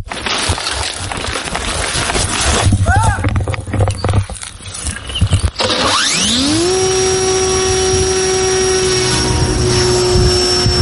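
Background noise and rustling, then the motor of a Fly-Eye reconnaissance drone whines up in pitch and settles into a loud, steady high-pitched drone for several seconds, as soldiers of the 148th Artillery Brigade in Dnipropetrovsk region, Ukraine, check the engine before flight.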